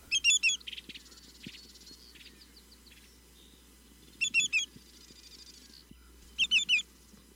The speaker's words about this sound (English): chat about greater yellowlegs, otherwise known as twillix